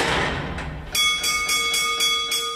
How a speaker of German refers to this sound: Ehrenfriedersdorf im Erzgebirge. Das Läuten des Maschinisten ist das Signal für den Geoökologen